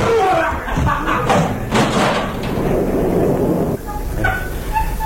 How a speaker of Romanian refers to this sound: Băieți, să spargem ușa. Hai, da. Să o striem, da. Hai, hai.